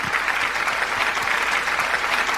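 Steady, dense applause from an audience, many hands clapping in a continuous crackling wash at an even, fairly loud level with no voices standing out.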